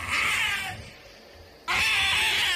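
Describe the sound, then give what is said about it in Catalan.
An owl gives two loud, harsh, bloodcurdling screeches, each a rasping high-pitched shriek lasting under a second, separated by a short pause. “Quan ja gairebé el tenia a sobre i ell es veia més morta que viva, l'òliba va fer un crit esgarrifós.”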